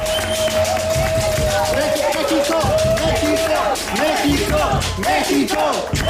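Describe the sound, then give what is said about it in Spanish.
Steady applause from a group for Mexico's national football team after its World Cup run, dense clapping that continues throughout, mixed with overlapping voices, cheering and a sustained whistle-like tone. “Sí, y la verdad es que este sueño mundialista merece que le demos unos aplausos a nuestra selección.”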